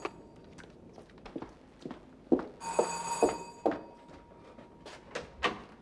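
A doorbell rings with a bright, sustained metallic tone lasting about a second, surrounded by scattered clunks and thumps before and after. No one speaks.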